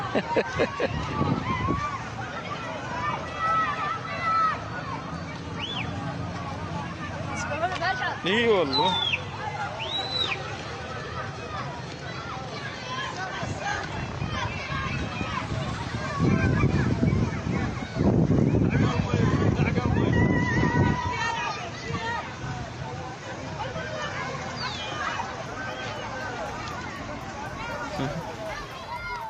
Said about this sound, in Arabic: أطفال فرحون يسبحون في حر الصيف في مياه تجمعت بعد انكسار أنبوب ضخ للمياه.